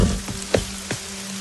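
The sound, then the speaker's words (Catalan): Steady, hissing rainfall with a few brief, sharper taps of drops standing out against the even wash of noise; no one speaks. “Au, cavall, tornem a casa, que estem xopant-nos.”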